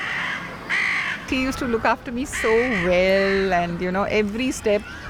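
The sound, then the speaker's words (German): Crows caw repeatedly in the background, harsh calls scattered throughout while a voice talks more prominently in the foreground. “Man achte bei den folgenden Aufnahmen auf die Krähen im Hintergrund.”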